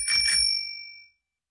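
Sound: bicycle bell ringing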